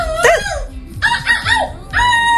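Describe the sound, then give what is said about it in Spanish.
A young woman from Vigo, silver medalist in an international seagull-imitation contest, imitates seagull cries: three loud, squawking calls with sliding pitch, delivered in quick bursts with short gaps and no other talking. “Espectacular, ¿esto es una gaviota?”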